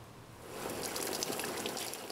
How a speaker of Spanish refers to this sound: Estoy echando agua en la piscina y esto hace que las hojas, las ramas y los palos se muevan. ¿Puedes verlo? Las hojas y todo se están moviendo. La dirección en la que la manguera apunta es a donde todo va y la corriente va alrededor.